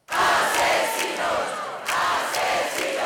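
A large crowd in Madrid, gathered late in the evening over the death of Mari Carmen Abascal, chants and shouts together in a loud, sustained roar of many voices, briefly dipping partway through before surging back at full strength.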